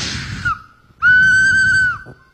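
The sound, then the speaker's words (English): A person whistles one loud, steady, high note held for about a second, after a brief breathy hiss and a short faint whistle. “Come on, he would whistle. You know how to, they whistle.”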